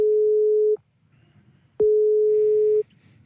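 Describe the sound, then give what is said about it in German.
A telephone busy signal heard when calling a radio morning show in South Tyrol, Italy: two loud, steady electronic tones, each lasting about a second, separated by a short pause with faint background noise. “Weißt du, sie sind zwar unsere Morningshow-Kolleginnen und Kollegen in Südtirol, aber offenbar beschäftigt.”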